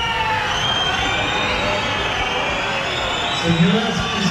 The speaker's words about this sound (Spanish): Y un lunes festivo porque es 12 de octubre y aunque en Navarra no tenemos la castellana, tenemos la Avenida Galicia y tenemos también gritos contra la presidenta del Gobierno Foral.